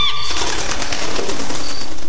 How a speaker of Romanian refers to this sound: Ai auzit? Da, ia auzit. Pare o pasăre.